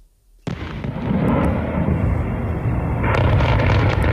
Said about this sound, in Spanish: El sonido difundido por cuentas de seguimiento del conflicto en redes, periodistas de la agencia AFP y Reuters han escuchado más de una decena de fuertes explosiones en la capital ucraniana después de que se activara una alerta por misiles balísticos